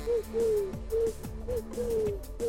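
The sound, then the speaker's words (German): A person imitates a pigeon, making a series of low, warbling coos in a steady rhythm, clear, with no talking. “Ich kann so eine Taube nachmachen.”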